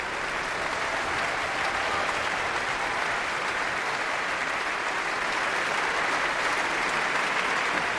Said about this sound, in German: Während hier noch weiter applaudiert wird für das Orchester, die einzelnen Instrumentalgruppen, darf ich mich nach diesem programmatisch starken Abend in der Berliner Philharmonie verabschieden für heute.